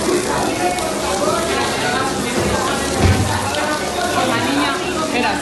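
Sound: water pouring down walls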